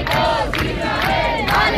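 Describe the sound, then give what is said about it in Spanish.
A crowd of a couple hundred people in Bilbao shouts and cheers in loud, rhythmic bursts, welcoming the crew of the Freedom Flotilla boat with shouts in favour of Palestine. Voices rise together in chant-like waves about every half second, with a continuous roar underneath. “Un par de centenares de personas recibieron a los tripulantes del barco entre abrazos, gritos a favor de Palestina, como escuchan.”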